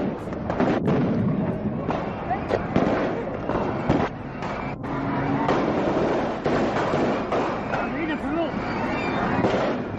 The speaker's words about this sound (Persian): چند سرباز به رهبری خالد اسلامبولی از کامیون بیرون می پرند و جایگاه ویژه را به گلوله می بندند